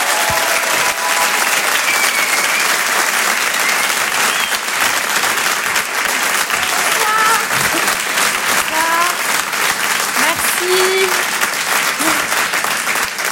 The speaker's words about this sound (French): On va accueillir tout de suite une brillante comédienne, une artiste très talentueuse. Elle est originaire de Suisse. Je vous demande d'applaudir très fort, s'il vous plaît